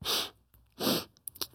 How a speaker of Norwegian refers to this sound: Vi sitter og snufser. Nei, jeg vet ikke. Jeg er ikke egentlig syk, men jeg vet ikke.